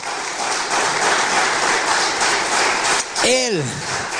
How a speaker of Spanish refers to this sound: ¿Cuántos dicen gloria a Dios? Dale un poderoso aplauso a Jesús.